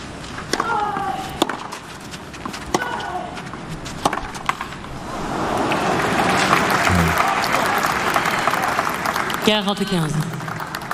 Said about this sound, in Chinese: 大阪这边也是不吝为对手送上掌声。